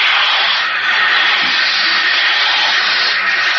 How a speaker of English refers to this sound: It's water. It's water pouring against the bulkhead.